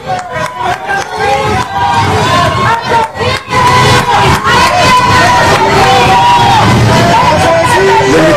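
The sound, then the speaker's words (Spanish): A large crowd on the Periférico near colonia Jardín Balbuena shouts and yells at the driver of an Escalade while painting on his car, a loud, continuous wall of angry voices with rising bursts of chanting, dense throughout. “Y le gritaron y le pintarrajearon el carro y él trataba de evitar a la gente.”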